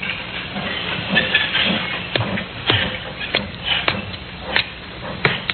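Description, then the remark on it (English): Ambience of the railroad yard at Alnmouth in the coal district around Newcastle, with a steady hiss of steam and a low rumble, punctuated by irregular metallic clanks and knocks as cars shift and couple, with no one talking. “A puzzle which began in the railroad yard at Alnmouth in the coal district around Newcastle.”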